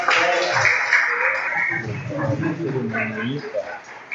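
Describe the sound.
At a Seventh-day Adventist church baptism, a crowd claps steadily for the mother of the young Pathfinder being baptized, a dense wash of hands for a second or two, then the applause thins as voices talk over it.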